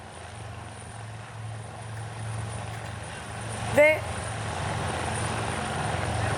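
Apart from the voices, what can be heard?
helicopter flying overhead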